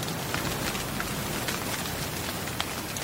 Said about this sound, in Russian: Ой, какой дождь! Так и не погуляли.